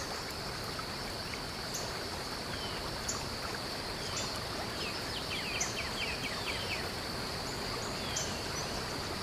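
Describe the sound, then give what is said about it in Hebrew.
A waterfall's steady, unbroken rush of water fills the scene at a constant level, with a high insect drone and a few faint bird chirps above it. No one speaks. “פתאום אתם שומעים רעל, צליל של מפל.”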